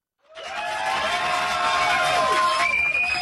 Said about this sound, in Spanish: ¡Aplausos para ellos!